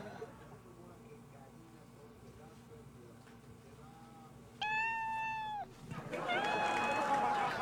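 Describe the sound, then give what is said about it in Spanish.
A cat's meow plays from an Alexa smart speaker asked to make cat sounds: a loud, drawn-out call followed by a second, wavering meow, with faint room noise and murmured voices underneath. “Hazle pues como gato, a ver.”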